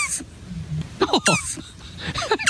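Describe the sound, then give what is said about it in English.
A turtle's squeaky, cat-like calls: a rapid series of short, high chirps and whines with rising and falling pitch, clear, with a faint low rumble underneath. “giving us the sound of a turtle, so maybe we can find out the difference between the two just based on the sound effect. Here is the turtle.”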